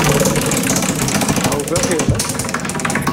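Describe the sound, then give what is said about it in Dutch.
A prize wheel, spun clockwise with a very hard swing, runs with a loud, rapid, rattling run of clicks over a steady rumble, ticking along until it comes to a stop, with voices faintly underneath. “En het staat alweer stil, dat rad.”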